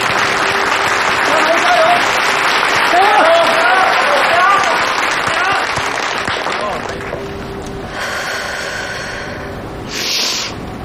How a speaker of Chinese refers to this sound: 好，那我们现场的观众朋友可以给一些鼓励的掌声。